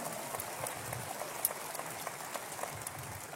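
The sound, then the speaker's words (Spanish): A crowd applauds the pastor in a steady, dense wash of clapping that holds evenly for a few seconds, crackling throughout, with one sharper clap standing out midway and no voices. “Vamos, un aplauso fuerte.”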